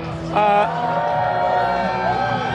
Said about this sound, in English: We've got bands playing all day, and if you walk with me a little bit, you'll see we got a big crowd here.